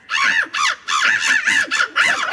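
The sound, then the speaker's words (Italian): A series of harsh, raspy bird-like calls repeated in quick bursts, about six in a row, loud, made by two people imitating a bird; they took part in a tournament. “sono due persone qua, peraltro. Sono persone che imitano gli uccelli.”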